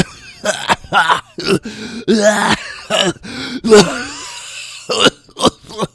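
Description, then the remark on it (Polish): Loud, close coughing right into the microphone, a rapid series of harsh, throaty bursts with brief gaps, some sounding like throat clearing, continuing for several seconds with no talking. “Nie lubię, jak ktoś mi kaszle do mikrofonu.”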